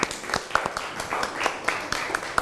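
A classroom group of students claps together for their classmates after a presentation, a steady stream of overlapping, uneven hand claps at moderate loudness, with sharper individual claps poking out of the patter for a couple of seconds.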